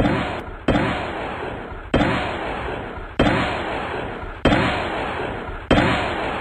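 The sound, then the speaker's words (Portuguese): Loud gunfire in an exchange of shots between police and two men in Piauí, Brazil: about six heavy shots evenly spaced roughly a second apart, each booming blast trailing off in a long echoing decay before the next. No voices are heard. “Dois homens, após essa troca de tiro aí, foram encontrados já baleado.”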